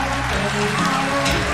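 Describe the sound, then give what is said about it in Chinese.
A crowd applauds steadily as Pleasant Goat and Big Big Wolf are welcomed at a magic show, a dense, loud patter of many hands clapping together that carries through the whole moment without pause. “来，掌声有请喜羊羊与灰太狼。”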